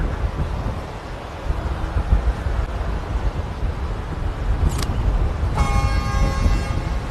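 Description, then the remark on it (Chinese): A train approaches under gusty wind and a low, steady rumble, then a sustained high, tonal horn-like whine joins for the last second and a half. No one speaks. “有火车的声音，走走走，去问一下。”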